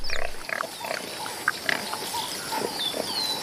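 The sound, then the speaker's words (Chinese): A male warthog gives a series of short, rough grunts at an irregular pace, with thin high bird chirps and a faint outdoor hiss behind them. “这头雄性油猪下獠牙比狮子的犬齿长得多，还锋利得多，连斑鬣狗见了都要绕着走。”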